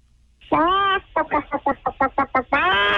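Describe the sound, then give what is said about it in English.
A person imitates a chicken: a drawn-out squawk, a quick run of about eight rhythmic clucks, then another long squawk, voiced fairly loud with nothing else underneath. “That's a chicken.”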